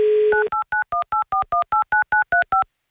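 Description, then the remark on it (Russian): A brief steady dial tone gives way to a rapid, evenly spaced run of about a dozen short two-note touch-tone beeps as a phone number is keyed in to call a contestant live on air on Avtoradio. No voices are heard. “Звоним Юле.”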